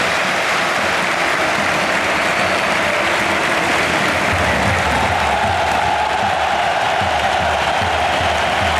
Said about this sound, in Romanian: Deținătorul balonului de aur, Rodri, a debutat în meciul cu Bilbao. Tot stadionul l-a aplaudat în momentul în care Hansi Flick l-a trimis în teren.